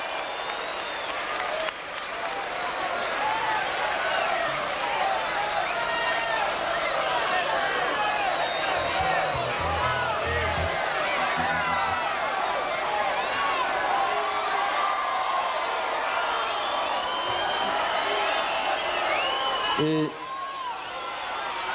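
Sustained audience applause and cheering, a dense wash of clapping with shouts and whistles rising over it, steady and loud for about twenty seconds before cutting off abruptly.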